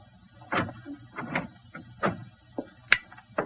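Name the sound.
door being opened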